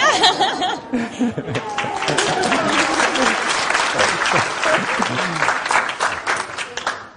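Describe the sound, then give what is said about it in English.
A crowd applauds steadily for several seconds for people asked to stand up, a dense, even patter of many hands clapping, with some laughter and murmuring voices mixed in before it tapers off. “You might like to just stand up so that everyone knows who they're clapping.”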